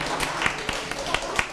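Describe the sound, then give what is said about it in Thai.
A small group of children clapping for their classmates in group 1, with quick, uneven sharp claps scattered through a short burst of applause over a faint background murmur. “ในกลุ่มที่1นะคะปรบมือให้กับเพื่อนค่ะ”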